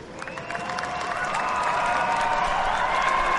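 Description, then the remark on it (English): A large crowd in the front-straight grandstands of a motor racing circuit applauds the race winners steadily, the dense clapping swelling slightly and holding loud throughout, with faint cheers and voices mixed into the roar. “A big round of applause.”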